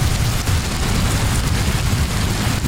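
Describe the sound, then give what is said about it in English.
Steady, heavy rainfall hisses across the whole clip at an even loudness, with a low rumbling undertone and no voices. “Yeah, rain, something most of the UK hasn't seen in weeks.”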